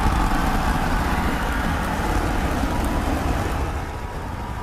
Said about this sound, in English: Two engines lit.